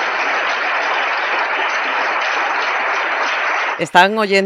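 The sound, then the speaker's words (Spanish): A crowd applauds as a speech ends, amid embraces between the president of the Autonomous City of Melilla and Feijóo, in a dense, steady roar of clapping for several seconds, holding an even loudness, before a voice cuts in and starts speaking at the very end. “Y los aplausos.”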